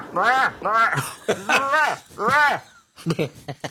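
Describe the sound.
An imitated moose call played on a recorder: four loud, drawn-out moaning bellows that rise and fall in pitch, then a few shorter, choppier grunts at the end.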